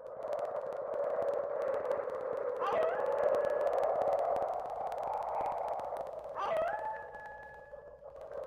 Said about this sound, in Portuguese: Aqui tamo eu e você no meio da ventania e dos lobos uivando.